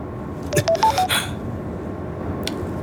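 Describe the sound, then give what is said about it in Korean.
A phone rings for an incoming call from an unknown caller with a short electronic tone: a quick run of four or five distinct beeping notes, clear, followed by quiet background and a faint click. “알 수 없는 발신자에게 전화가 왔습니다.”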